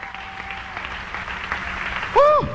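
A church audience applauds in praise of God in a steady, dense wash of clapping, with a single voice letting out a rising and falling shout near the end.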